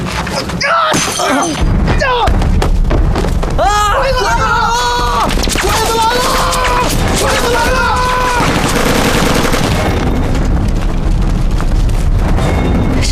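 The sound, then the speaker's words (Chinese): Loud, chaotic gunfire from at least a squad, with sharp bursts of rapid shots, followed by a continuous dense barrage of noise while several people shout over it. “从枪声来看，至少有一个小队的。”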